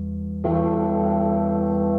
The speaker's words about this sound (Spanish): Esto lo grabaron, la campana esta, la grabaron en alguna iglesia, no sé cuántas veces. Escuchá.